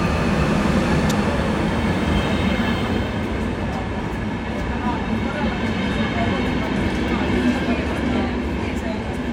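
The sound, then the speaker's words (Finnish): The first passenger train from Oulu rumbles steadily as it pulls into Haaparanta railway station, a constant heavy roar of wheels and engine with a murmur of voices beneath it; the station is full of people and the train carries many passengers. “Nyt se ensimmäinen juna on tullut tänne Haaparannalle asti ja ihmisiä on kyllä rohki paljon tässä junassa.”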